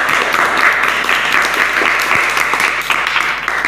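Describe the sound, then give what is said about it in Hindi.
Villagers applaud steadily, many hands clapping at once in a dense, loud, continuous patter that holds its level throughout with no voices standing out. “फिर गांव वाले तालियां बजाने लगे और गांव वाले उन दोनों के लिए बहुत अच्छी अच्छी चीज़ें लाने लगे।”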